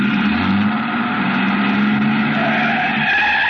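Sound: truck engine starting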